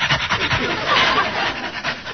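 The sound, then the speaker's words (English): A man down on all fours imitates a dog panting with quick, rhythmic breathy huffs, several per second, fairly loud, continuing steadily for a couple of seconds with no talking. “Well, he's panting, so I'll pant.”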